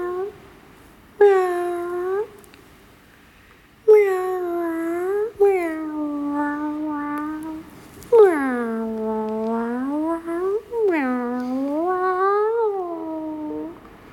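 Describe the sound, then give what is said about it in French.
A cat meows softly and gently in a series of about five drawn-out, wavering calls, with short pauses between them and no talking. “Tu laisses échapper ton miaulement doucement, comme un souffle.”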